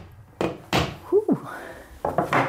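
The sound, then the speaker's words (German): A hammer drives a new nail into a wall to hang a borrowed abstract painting, with a handful of loud, dull thuds at an uneven pace, a brief squeaky scrape in between, and two quicker knocks at the end. “Und packt es gleich aus, greift zum Hammer und schlägt einen neuen Nagel in die Wand.”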